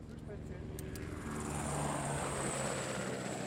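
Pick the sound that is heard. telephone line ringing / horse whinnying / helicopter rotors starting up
helicopter rotors starting up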